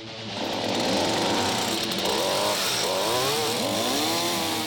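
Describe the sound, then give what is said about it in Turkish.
A next-generation chainsaw with a small, fuel-efficient, powerful engine runs loudly and steadily from start to finish, its pitch rising and falling slightly as the throttle shifts, with no pauses and no voices. “Şirket 80 yılı aşkın bir süredir zincirli testere imal ediyor.”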